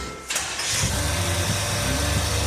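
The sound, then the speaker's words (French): An engine is started so its rocker arms can be adjusted while it runs, using a homemade metal plate, after a slight ticking was heard at the rockers. It cranks briefly and catches, then settles into a steady, low rumbling idle with a faint rhythmic pulse. No one speaks. “Donc une tôle fabrication maison qui permet de régler les culbuteurs moteur tournant. Je la mets en route.”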